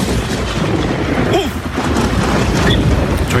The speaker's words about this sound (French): Oh, attention, il y a un petit orage, là.